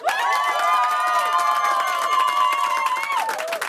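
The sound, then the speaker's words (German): A live studio audience at an FM4 radio broadcast claps and cheers steadily. Dense applause with whoops and high shouts riding on top, loud and sustained for a few seconds before easing slightly at the end. “Ich liebe Live-Publikum. Muss nur die Hände weit ausstrecken und sie klatschen.”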